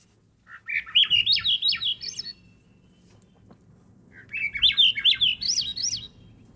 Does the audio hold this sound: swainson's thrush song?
yes